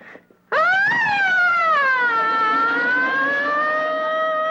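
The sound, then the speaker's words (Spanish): A voice imitates a fire truck siren with one long, loud wail that jumps up sharply, then slowly sinks and holds steady, sung after a brief quiet moment. “¡Pues es la filena de carro de bomberos!”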